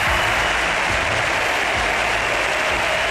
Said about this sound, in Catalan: El comiat del Camp Nou contra el Bayern. Aplaudiments al Camp Nou perquè marxa Alexia Putellas.